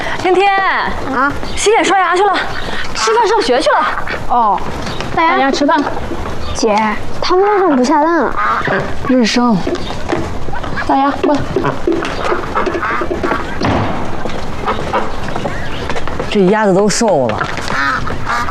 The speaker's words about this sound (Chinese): 这是喂鸭子呢。 嗯，吃饭。